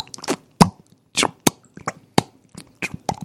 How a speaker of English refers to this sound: I popped them in my ear holes, and I still heard dripping in the sewer. On the other side of the sewer, I heard the drips.